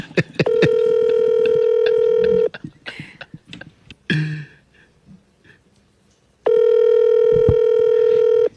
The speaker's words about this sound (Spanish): Otra vez me está rechazando la llamada. Aquí estoy llamando por WhatsApp, pero me la rechaza.